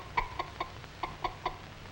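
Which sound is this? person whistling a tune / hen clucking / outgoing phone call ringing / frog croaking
hen clucking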